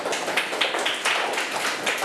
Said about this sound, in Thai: เยี่ยมมากเลยปรบมือให้เพื่อนหน่อยครับ